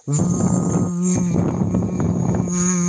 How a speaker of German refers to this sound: ist einfach nur eine Plastikflasche mit einem dicken Schlauch drinne und man macht die Flasche ein Drittel mit Leitungswasser voll und dann blubbert man hinein, aber in summender Art und Weise, das hört sich dann ungefähr so an.